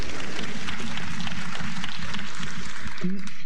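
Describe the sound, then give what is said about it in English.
An audience claps steadily for a few seconds after an announcement of improved exam results, a dense, crackling wash of applause with voices murmuring underneath and a brief vocal sound near the end. “Go ahead and clap, but this is very good.”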